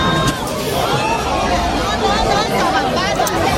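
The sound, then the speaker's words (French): A dense, loud crowd roars continuously, many voices shouting and clamoring at once in an agitated rush, unbroken with no single voice standing out, as the crowd spilling onto the street rushes into a large store in Nanterre near Paris at its 8 a.m. opening, breaking down the glass doors. “Dès 8h à l'ouverture, la foule qui déborde sur la chaussée se précipite et enfonce littéralement les portes vitrées qui terminent au sol.”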